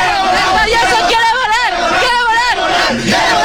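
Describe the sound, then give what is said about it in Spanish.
A dense crowd roars and shouts continuously at the packed FanFest in the Zócalo Capitalino, many overlapping voices cheering and yelling at once, loud and sustained throughout with rising and falling cries over a constant babble. “Es una locura el Zócalo Capitalino, el FanFest del Zócalo Capitalino, que está a reventar desde muy temprano.”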